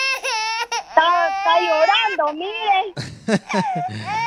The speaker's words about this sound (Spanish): Está llorando, mire.